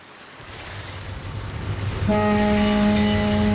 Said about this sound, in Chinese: 香港码头，一艘客轮鸣着汽笛缓缓靠岸，岸边上人头攒动，有准备上船的旅客，有送人的人，也有来接人的人。